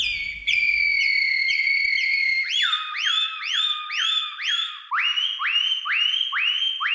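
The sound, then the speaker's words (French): A person whistles an imitation of Atlantic canary song: bright, high, bird-like phrases that move from long gliding notes to rapid repeated upswept chirps, then a slightly lower series of rising notes, with no talking. “Serin des Canaries”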